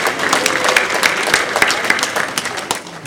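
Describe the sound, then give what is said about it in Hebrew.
An audience claps steadily for about three seconds to thank the community's women's groups, a dense, even patter of many hands with a few sharper individual claps standing out, fairly loud and without any talking. “רצינו להגיד תודה לעשיריות, עשיריית נשים, העשירייה של אשתי, עשירייה י' ד', כן, אפשר למחוא להם כפיים.”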